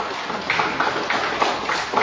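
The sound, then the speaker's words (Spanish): An audience applauds loudly and joyfully for Christ, a dense wash of many hands with steady rhythmic beats standing out about three times a second, fairly loud throughout and with no voices over it. “Dale un fuerte aplauso para Cristo con alegría.”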